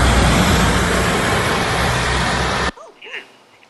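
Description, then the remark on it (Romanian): Loud roadway noise from a passing vehicle on national road DN18 at Vișeu de Jos, Maramureș County, in the evening, roars steadily across the full range, then cuts off abruptly, leaving a quiet background with faint voices and a brief chirpy sound. “E chiar aici în DN18, uite, sper să nu lovească mașina acum.”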